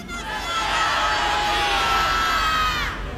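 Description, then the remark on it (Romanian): A large crowd in Herăstrău, broadcast on Radio Zoo, shouts the greeting "Bună seara România!" together in unison, a loud sustained collective yell of many voices, including children, that swells and holds for a few seconds before fading. “Ne auzim pe Radio Zoo și vreau să se audă de aici, din Herăstrău, până acasă la mine la Iași, să se audă și până la Domnul Moral, așa că zicem din Herăstrău tuturor, bună seara România!”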